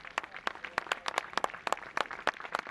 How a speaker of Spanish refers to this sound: La afición del Colunga le despidió con aplausos cuando abandonó el campo.